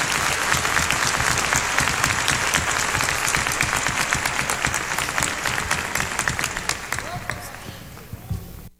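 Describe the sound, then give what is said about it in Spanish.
Dense, sustained applause from a crowd for a trio, many hands clapping in a steady roar that fades slightly toward the end before cutting off abruptly. “Un aplauso bien bonito para este maravilloso trío.”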